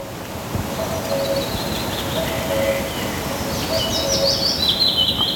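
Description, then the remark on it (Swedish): A faint, distant cuckoo calling from the west a few times far in the background, recorded in the morning, while brighter songbird chirps and twitters sit in the foreground, all over a steady wash of wind or surf. “Men långstans långt där bak så hörde man den där bästa göken.”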